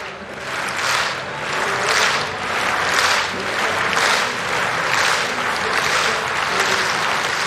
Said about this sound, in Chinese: 看看戴维斯·伍德豪尔他的最后一次跳，这次出跳的表现如何？他在让现场观众们的这个掌声节奏呢稍微变慢一点。